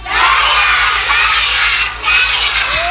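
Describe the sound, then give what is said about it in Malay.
A group of young kindergarten children shout their kindergarten's cheer chant (yel-yel) together, their high voices massed into a steady, energetic roar that briefly dips before surging again. “Katanya ada yel-yelnya ya, Bu Guru Marwah?”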